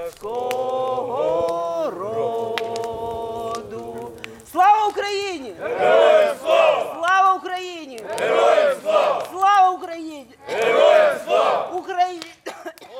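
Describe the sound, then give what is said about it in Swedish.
A group of Ukrainian soldiers around a campfire in the mountains, at a recovery camp for soldiers and wounded veterans, sings Ukraine's national anthem after sending up red paper lanterns; loud full-voiced chorus in strong rising phrases, preceded by a few seconds of steadier sustained singing. “De har precis skickat upp röda papperslyktor och de sjunger Ukrainas nationalsång.”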